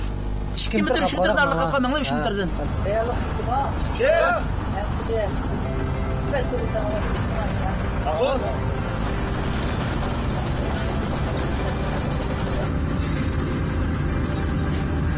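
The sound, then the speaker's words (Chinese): A heavy tracked vehicle's engine roars loudly, a constant low rumble across the whole stretch, as it levels sand dunes in the Taklamakan Desert on a cold, windy spring night, with people's voices talking over it early on and again briefly midway. “引擎的轰鸣碾碎了大漠的孤寂，履带的轨迹编织着绿色的经纬。”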